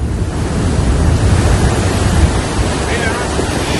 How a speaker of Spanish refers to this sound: Y esta es la fuerza con la que bajaba el río Nacimiento cargado de agua.